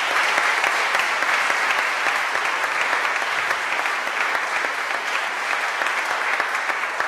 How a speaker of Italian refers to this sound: Un applauso.